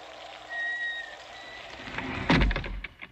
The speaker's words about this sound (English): The door closed. I can't get it open.